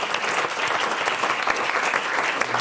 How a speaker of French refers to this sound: Mais oui, poussière d'étoiles, des étoiles, on peut applaudir